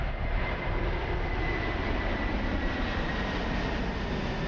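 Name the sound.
plane flying overhead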